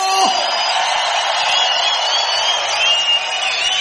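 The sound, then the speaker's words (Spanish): A large crowd lets out a loud, sustained shout of jubilation, a roar of cheering and whooping, many voices shouting together at once and filling the whole moment without a break. “Si es reina, dale un fuerte grito de júbilo.”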